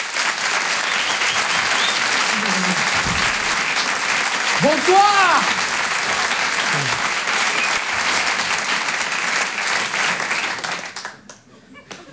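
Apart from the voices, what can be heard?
audience applauding loudly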